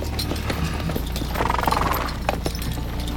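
Horse hooves clip-clop at an unhurried walk as riders advance at a walking pace with Alexander's marching army, sharp uneven clacks repeating over a dense, noisy background, with no one talking.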